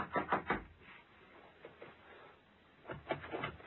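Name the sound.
knocking on a door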